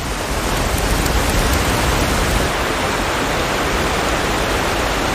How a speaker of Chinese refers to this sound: 如今，河流和瀑布解冻的时间越发难以预测。冰雪消融后，水流奔腾而下的景象无比壮观，足以震撼人心。